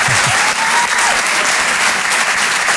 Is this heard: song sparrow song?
no